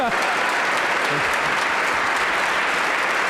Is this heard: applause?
yes